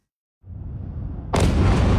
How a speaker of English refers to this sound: There were loud explosions all through the night here in Kyiv as the centre of the city and other sites came under Russian attack. It began with drones, followed by multiple ballistic and cruise missiles,